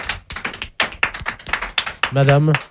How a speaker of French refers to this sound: Madame, figurez-vous que parmi tous ceux qui vous applaudissent, il y en a un qui a un survêtement rose.